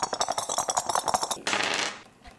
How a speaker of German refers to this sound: Ich habe jetzt einen Knochen und eine Schlammpfütze gewürfelt und dadurch habe ich gewonnen, weil ich jetzt alle Würfel los bin.